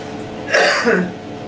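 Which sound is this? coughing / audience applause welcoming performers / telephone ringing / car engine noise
coughing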